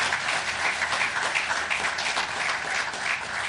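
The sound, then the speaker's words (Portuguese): Sustained audience applause for health workers in Mozambique, a dense, steady wash of many hands clapping at once, fairly loud and even throughout with no voices standing out. “Queria pedir uma grande salva de palmas para este exército de Bata Branca.”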